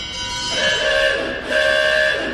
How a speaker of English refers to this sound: Car horn.